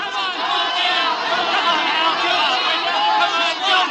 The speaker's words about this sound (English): Then came a night, long after, a nightclub in Hollywood, the crowd yelling.